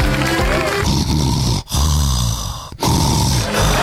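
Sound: person snoring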